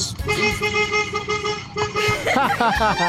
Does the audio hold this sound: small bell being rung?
no